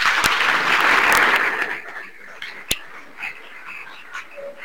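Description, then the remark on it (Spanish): A crowd claps in a dense burst of applause that is loudest for the first two seconds, then thins out into scattered claps that fade quietly away. “Gracias también a la presa, damos un fuerte aplauso.”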